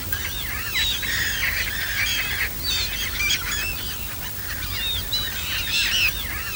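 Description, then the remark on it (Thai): A flock of migratory ducks squawks and honks continuously in overlapping bursts, loud, over a low rumbling outdoor background with no talking, at the wetland pond of the Mai Po nature reserve in Hong Kong, managed by WWF Hong Kong. “สำหรับบึงน้ำด้านหลังเป็นที่อาศัยของเป็ดน้ำย้ายถิ่นมากมายที่ดูได้อย่างใกล้ชิด”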